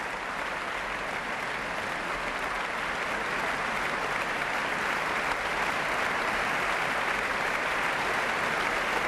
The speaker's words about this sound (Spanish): Los profesores de la orquesta aplauden al maestro, que sube al podio y recibe esta aclamación. Y de nuevo es toda la orquesta puesta en pie junto con Josep Pons quien recibe estos aplausos.